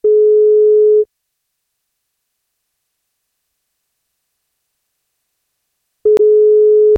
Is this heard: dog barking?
no